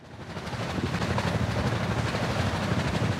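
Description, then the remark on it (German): Underwater ship propeller noise in the sea: a dense, steady low rumble with a fast rhythmic thrumming pulse and a broad hiss on top, continuous and fairly loud throughout, with no voices. “Seit der Erfindung propellerbetriebener Schiffe vor 150 Jahren hat sich der Lärm in unseren Meeren stetig erhöht.”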